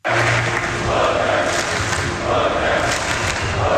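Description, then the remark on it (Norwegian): A large crowd of Norwegian football fans roars and cheers continuously at night after the men's national team won its first World Cup match in 28 years, a dense, loud wall of voices with shouts rising over the din, sustained throughout. “Folk over hele landet jublet seg hese i lukkeryss og etter seieren.”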